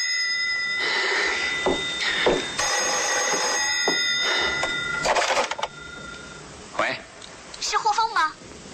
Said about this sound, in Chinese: 这时于红给霍峰打来电话。